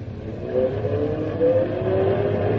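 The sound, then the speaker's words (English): A car engine revs and accelerates steadily, its pitch climbing over a continuous low rumble, fairly loud with no voices. “The car's working better now.”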